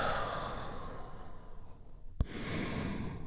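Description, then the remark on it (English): A deep, airy breath drawn in during a guided healing relaxation, a brief pause marked by a small click, then a long, steady exhale, with no talking. “And we do that by taking a big, deep, healing breath.”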